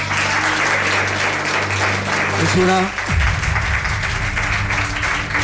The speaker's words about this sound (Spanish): presentar ya a nuestro primer invitado de lujo, Álvaro Martín. Nos pide un aplauso para él.